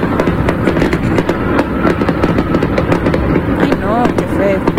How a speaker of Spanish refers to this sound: Les tienen con la situación de que no para y no se detiene las explosiones y los cohetes.